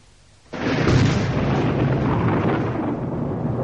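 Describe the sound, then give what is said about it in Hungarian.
Thunder breaks in abruptly after a moment of quiet amid lightning, then rolls on as a loud, sustained, deep rumble with a crackling, noisy texture and no voices. “Villámlik. Menj, dörög.”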